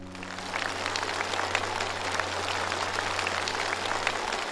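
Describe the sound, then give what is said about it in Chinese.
Sustained applause from an audience, clapping for a young man's filial devotion and effort, fills the whole stretch, a dense, steady clatter of many hands clapping at an even level with no voices standing out. “为你的孝心，为你的努力，我们为你鼓掌。”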